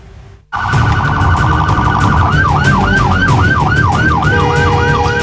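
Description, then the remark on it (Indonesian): A loud ambulance siren starts abruptly, first a rapid warbling tone, then a fast repeating wail, blaring over steady traffic noise with no talking. The ambulance, carrying a toddler having seizures, is blocked by a motorcyclist riding against traffic on Jalan Raya Sawangan in Depok. “Video amatir detik-detik ambulans yang diadang pesepeda motor lawan arah ini menjadi viral di media sosial.”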